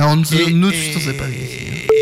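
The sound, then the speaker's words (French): People talk, then near the end a steady electronic phone tone starts, clear and fairly loud, the first ringing tone heard on an outgoing phone call. “Première sonnerie.”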